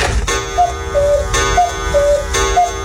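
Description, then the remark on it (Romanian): A clock ticks loudly and steadily, about once per second, with three sharp ticks heard alone and short faint tonal chirps between them. No one speaks. “Ceasul meu a luat-o iar înainte!”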